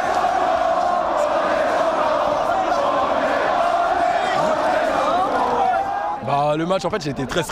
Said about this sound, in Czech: Tisícovky lidí na bulváru Champs-Élysées propukly v jásot, rozeběhly se, začaly tancovat, skandovat. My jsme šampioni.